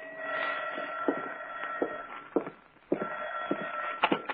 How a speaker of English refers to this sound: 2 days later, I was home in the apartment. I sat down with a good book, and it was about 11 o'clock when the phone rang.